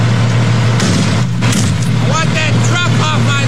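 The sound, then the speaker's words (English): A couple of sharp, loud smashing hits ring out as a man takes a hammer to the front lights of a cement truck parked outside his house in Nebraska, over the steady rumble of the truck's idling engine, followed by people's voices shouting. “started smashing the lights out of the front of the cement truck”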